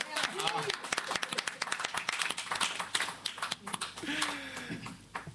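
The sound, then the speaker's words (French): Audience applause, a steady stream of dense, irregular claps lasting several seconds, with voices calling out over it now and then. “Faut applaudir encore.”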